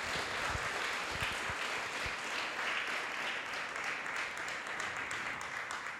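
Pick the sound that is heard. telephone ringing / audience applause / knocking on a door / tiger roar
audience applause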